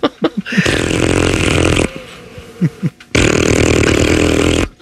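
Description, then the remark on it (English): Two long, loud, raspy fart noises, each lasting over a second, spaced like the rings of a telephone, with short sputtering blurts before and between them, made as the 'butt phone' ringing in the Buttcave. “Oh, it's the butt phone.”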